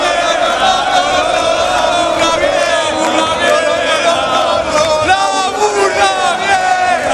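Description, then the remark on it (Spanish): A large crowd chants and shouts "la burra vieja" together at a concert at the Plaza de España, many voices overlapping in loud, sustained, pitched phrases that continue without a break for the whole stretch. “Toda la gente gritando la burra vieja.”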